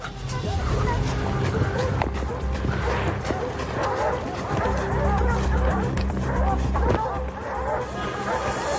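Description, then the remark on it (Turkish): A pack of hunting dogs barks frantically and nonstop at a bear, overlapping yelps and bays blending into a dense, excited din. “Hemen karşı tarafta kıyameti kopardıklarını duyabiliyorum.”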